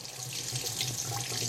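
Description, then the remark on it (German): Cold water runs steadily from a bathroom tap, a continuous rushing stream into a sink with no pauses or voices. “Sehr gut, kaltes Wasser kommt.”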